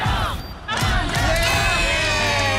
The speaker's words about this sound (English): Primary school kids doing it tough. They get to experience the roar of a crowd. Marvel Stadium, the Bulldogs taking on North Melbourne.